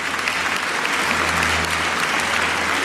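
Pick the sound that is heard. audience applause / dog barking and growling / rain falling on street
audience applause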